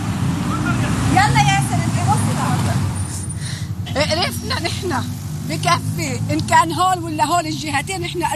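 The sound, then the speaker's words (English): A steady low rumble of heavy, congested traffic on one of the main highways leading from the south, choked with cars, trucks and some motorcycles, many packed with people and bags, idling and creeping along, with scattered voices shouting and calling out over the din. “This is one of the main highways leading from the south, and it's just choked with vehicles.”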